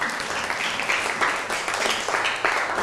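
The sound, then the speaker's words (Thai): A classroom of students applauds a classmate who has just presented for their group, a dense, steady patter of many hands clapping at a fairly loud level for about three seconds, with no voices standing out. “นั่งลงครับปรบมือให้เพื่อน”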